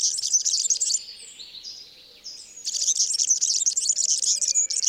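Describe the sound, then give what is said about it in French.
A European serin, a tiny bird with a lot of yellow and a cousin of the canary, sings a fast, high-pitched, scratchy jingle of tightly packed notes. The song runs in two loud bursts separated by a short, quieter pause, with no voices present. “Donc lui, il a un chant très grinçant qu'on entend ici.”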